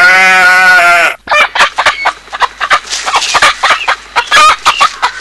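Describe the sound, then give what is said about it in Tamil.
A sustained harmonic squawk opens, then a flock of chickens being fed clucks rapidly in dense, overlapping bursts, loud, with no talking. “கோழிகளுக்கு தீவனம் போட்டுட்டு இருக்காங்க,”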